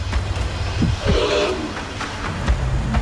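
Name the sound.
elephant call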